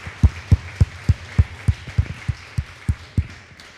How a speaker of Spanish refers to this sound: Denle un fuerte aplauso al que merece toda gloria y honra.